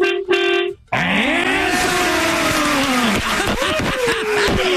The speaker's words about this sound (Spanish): A ver, quiero que toques el pito. Ahorita vas en el carro, vas en el camión.